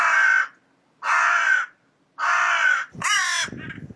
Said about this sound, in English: Oh. Is that the sound of a territory crow? I'm always worried when I play you a bird song if it's not exactly the right sound, but I think that one might be.